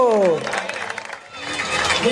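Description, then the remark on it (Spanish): Steady audience applause at a carnival murga contest, a dense wash of many hands clapping throughout to see off the murgas Trikitake and Chacho Du after their first adult face-off, with a man's voice speaking loudly over it at the start and briefly again at the end. “Fuerte el aplauso para despedir a Trikitake y Chacho Du.”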